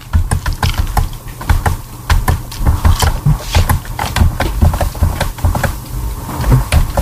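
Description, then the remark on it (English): Rapid, uneven keyboard typing heard over an online voice chat: a steady run of sharp clicks and clacks, with some heavier thumps mixed in, continuing without pause and fairly loud throughout. “I hear her keyboard.”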